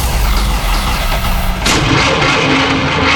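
A car engine cranks with its starter motor, a loud, rough grinding that shifts abruptly partway through into a harsher churning. No voices are heard.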